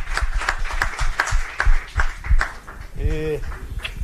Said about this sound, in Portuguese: Palmas!